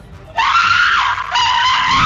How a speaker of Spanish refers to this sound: Esos gritos era para que alguien la hubiese escuchado y ayudado, ¿yo? ¿Con esa potencia de voz? ¿No? Bueno, se escuchó hasta en la estación de policía, pero nadie le hizo caso.